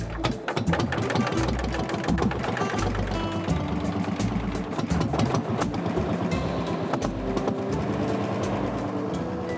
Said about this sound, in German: Motor läuft.